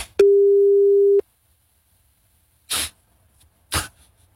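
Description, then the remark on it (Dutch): A single loud, steady telephone line tone lasts about a second while calling someone during a radio broadcast, then cuts to silence, followed by two short, noisy bursts a second apart. “En gewoon wachten op zo'n kiestang.”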